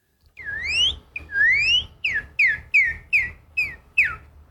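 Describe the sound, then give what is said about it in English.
A person from Oklahoma, US, whistles a Northern Cardinal song, the most common bird around their home: two long rising slurred whistles, then six shorter, quicker downward-slurring notes in a steady rhythm, clear, high and fairly loud, with no talking. “And so what's the most common bird you hear around you? The Northern Cardinal.”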